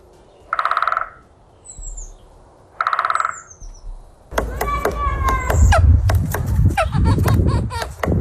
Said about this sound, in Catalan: És un ocell. Ah, és un ocell. És un ocell, i és un ocell...